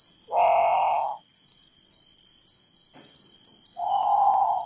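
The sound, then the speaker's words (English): A great potoo gives two loud, harsh, wailing calls a few seconds apart, each a rough descending moan, over a steady backdrop of high insect buzzing at night. “Okay, so that's the Grand Patu. It's haunting. It sounds a lot like a very scared bird calling for a parent, in the middle of the night.”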